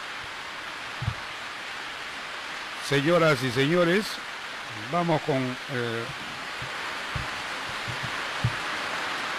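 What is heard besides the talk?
rain falling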